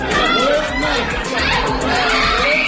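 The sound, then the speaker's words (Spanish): In Gaza, the family of a 3-year-old boy killed in an Israeli attack screams and wails in grief, several voices overlapping in loud, continuous cries with rising and falling pitch, over a dense background of crowd noise. “Son los gritos de la familia de un niño de 3 años al que Israel ha matado en su último ataque contra la franja.”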